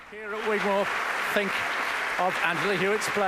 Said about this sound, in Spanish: Y escuchamos cómo la audiencia sigue aplaudiendo en el Gigmore Hall a Angela Hewitt.